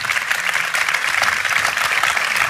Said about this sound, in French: Bravo, bravo. On peut l'applaudir.